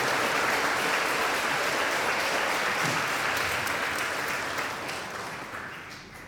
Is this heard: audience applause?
yes